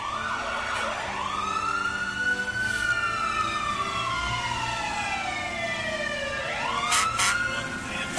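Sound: fire truck siren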